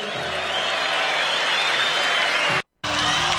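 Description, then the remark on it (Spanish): An audience applauds in a dense, steady wash of clapping that holds at an even loudness, cuts out abruptly for a split second near the end, then resumes. “Un aplauso para los muertos vivos.”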